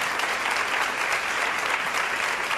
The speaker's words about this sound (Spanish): no sé si me están aplaudiendo los que han tenido indigestión.